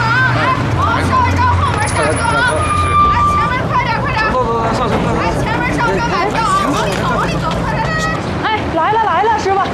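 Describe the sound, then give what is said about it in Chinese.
A city bus, route 201, idles with a low, steady engine rumble as it pulls up to a crowded stop, nearly buried under loud overlapping chatter from many people. “来了，车了。”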